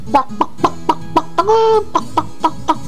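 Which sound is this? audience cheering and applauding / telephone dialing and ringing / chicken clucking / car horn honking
chicken clucking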